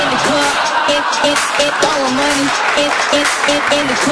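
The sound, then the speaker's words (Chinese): Dense, steady applause fills the whole stretch at an even loudness, with a man's voice talking over the clapping. “我看看掌声热不热烈。”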